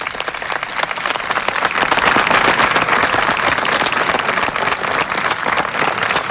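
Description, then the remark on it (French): Sustained applause from UNESCO staff during a symbolic ceremony in which the Pope and the UNESCO director-general water an olive tree, a dense wash of many hands clapping at once, steady and fairly loud throughout with no voices standing out. “Et devant les applaudissements du personnel”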